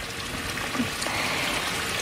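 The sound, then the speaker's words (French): A small stream that can be crossed along a walk trickles steadily, a soft continuous babble of running water with no voices, fairly quiet throughout. “Mais j'aime beaucoup aussi le son, le chant des oiseaux et le son des petits ruisseaux qu'on peut traverser tout au long de cette balade.”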